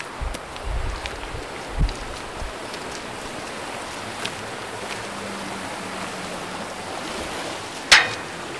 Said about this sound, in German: Ja, wir wollen jetzt natürlich auch ein bisschen uns die Geschichte von Xiers anschauen und wir sind bewusst an den Xierser Bach oder besser gesagt Biedigbach herangetreten, weil er dann in der Geschichte von Xiers ja eine wichtige Rolle spielt.